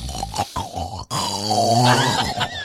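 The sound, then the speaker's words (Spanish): A voice imitates sons and daughters asleep, snoring loudly like a tractor: a few short rough grunting snorts, then a long, sustained, rattling vocal drone that holds steady before trailing off, with no other sounds. “Y mamita se está levantando a las 2 de la mañana, 3 de la mañana, mientras que los hijos, las hijas, están durmiendo, están roncando así como tractor.”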